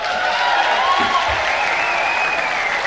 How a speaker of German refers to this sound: Begrüße Sie mit warmem Applaus